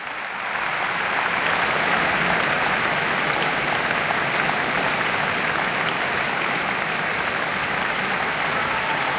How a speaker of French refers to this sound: Brahms explose le cadre de la forme bien connue, de la forme sonate, dans ses quatre mouvements de cette sonate en fa dièse mineur, opus 2, joué par Beatrice Arana, copieusement applaudi.